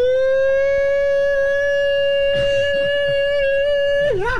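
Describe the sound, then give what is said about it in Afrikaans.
A loud air raid siren holds a steady, sustained wail with rich harmonics, its pitch wavering and dipping at the end. Faint background voices murmur briefly beneath it. “Ja, man, het luchtalarm wordt afgeschaft, hoor.”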